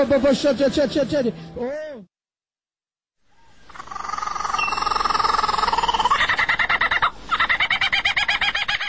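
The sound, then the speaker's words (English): A lyrebird mimics the songs of many different birds, pouring out loud, rapid chirps and rising whistles, then falls silent before returning with a dense, layered stream of varied calls and fast rhythmic trills. “It's called the lyre bird, and it copies the songs of all kinds of different birds.”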